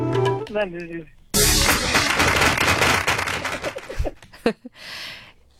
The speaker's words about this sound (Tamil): So ஒரு வழியா எப்படியோ புக் எல்லாம் ரெஃபர் பண்ணி ஆன்சர் சொல்லிட்டீங்க கரெக்டா, அதனால உங்களுக்காக ஒரு கைத்தட்டல்.